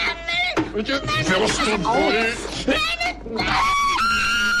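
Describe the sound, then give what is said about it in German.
A piercing, glass-shattering scream from a scene of Günter Grass's The Tin Drum rings out loud, wavering in pitch and rising into a shrill, sustained shriek at the end, with excited voices tangled around it. “Ja, der Schrei, der Glas zerspringen lässt.”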